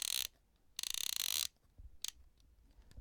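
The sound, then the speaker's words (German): Crisp mechanical ratcheting of an analog film camera's advance lever being wound, two bursts of rapid clicking, the second longer, then a brief click, with no talking. “ich habe jetzt auch gerade meine zweite analoge Kamera bei mir. Jetzt ein bisschen ASMR für alle Fotografen unter euch.”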